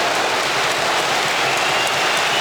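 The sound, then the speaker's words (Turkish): A large stadium crowd at a Turkish Super Cup football match applauds and cheers a shot by young player Yunus Akgün, a dense, steady roar of clapping that stays loud and even throughout, with no one speaking over it. “Genç Yunus Akgün'ün şutu tribünlerden büyük alkış aldı.”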